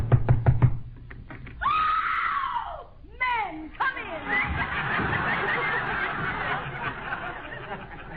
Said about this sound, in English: I hope she's home. Go ahead and knock.